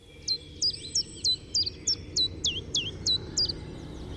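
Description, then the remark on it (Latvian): A common chiffchaff sings a steady series of about eleven sharp, high notes alternating in pitch, evenly spaced, over a low rumble of background noise, with no talking. “Latvijā bija arī dabas koncertzāle, iespējams, ka tā bija pati pirmā, kur suga bija čunčiņš.”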